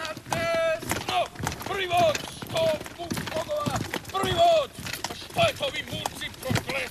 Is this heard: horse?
yes